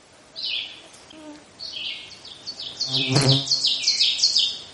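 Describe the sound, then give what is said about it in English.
An ovenbird, a warbler, sings its teacher-teacher song: a rapid series of bright, repeated two-note phrases that grow steadily louder over a few seconds, in quiet mixed woods with quite a bit of conifer. “And ahead of me there's an oven bird. The oven bird is a warbler and it's going, teacher, teacher, teacher, teacher.”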